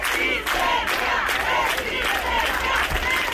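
Dozens of people chant in unison at a housing protest rally at the obelisco in A Coruña, demanding more effective government measures, voices rising and falling in a steady rhythmic pattern, loud and continuous, with a dense roar of many people underneath.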